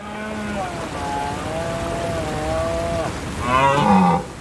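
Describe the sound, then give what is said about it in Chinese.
A European red deer stag bellows in the autumn rut: a long, low, groaning roar that wavers in pitch, then a louder, hoarser bellow near the end, with no voices. “秋天到了，欧洲马鹿的发情期也如期而至。”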